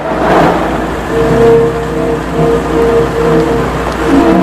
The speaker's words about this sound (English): He returns to his newspaper briefly, then watches Madeline leave the apartment block and walk over to a dark green Jaguar and get in. Scotty puts down the newspaper hurriedly. Madeline drives out of the car park through the pillars.